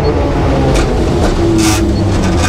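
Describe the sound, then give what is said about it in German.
A steady, loud rumble of trams rattling along a busy shopping street, the Ostertor Steinweg in Bremen, Germany, with metallic rattling and brief hissy bursts layered over continuous low street noise. “Jetzt eine etwas lauteren Straße, wir hören ab und zu die Straßenbahnen rattern und genau.”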